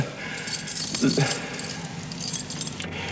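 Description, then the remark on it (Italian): A bunch of keys thrown away lands and jangles, a bright metallic clatter peaking about a second in and then scattering in lighter chinks, with a brief low voice murmuring underneath. “Guarda, ha buttato via le chiavi per farmi capire che non è più la padrona.”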